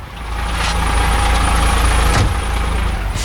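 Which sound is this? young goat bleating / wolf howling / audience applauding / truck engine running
truck engine running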